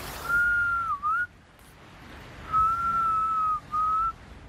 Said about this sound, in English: Just as we are waiting for beluga whales to hear the whistle and come over.